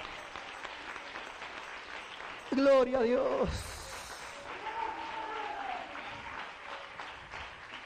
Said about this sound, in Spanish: Denle un aplauso al Rey. A ver, pero déselo con todo el corazón.